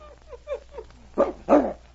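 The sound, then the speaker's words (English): A dog on a leash, brought to tracks under a tree, whimpers in a quick run of short, rising-and-falling yelps, then breaks into three loud barks, sounding eager and excited. “See how excited he gets? He knows he's been here before.”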